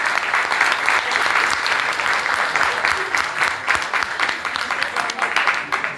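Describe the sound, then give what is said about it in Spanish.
Sustained audience applause at the crowning of the queen of Alianza A, a dense steady wash of many hands clapping at a fairly loud, even level for the full stretch, with no clear voices rising above it. “¡Un aplauso!”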